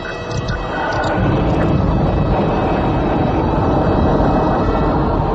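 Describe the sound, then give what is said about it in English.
A spacecraft engine ignites with a quick swell into a loud, dense roar, then holds a steady, rumbling thrust as it lifts off. No voices are heard. “Ignition, Skipper? Don't mind if I do.”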